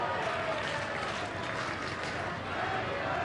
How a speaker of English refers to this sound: The Sutter Health Park crowd as loud as they've been all series.